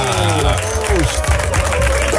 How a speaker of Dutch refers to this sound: wat een luid applaus. Heel veel mensen.